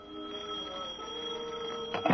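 A telephone rings in an office with a steady, sustained metallic tone that holds for a couple of seconds at moderate loudness, alone with no voices, ending in a brief louder burst.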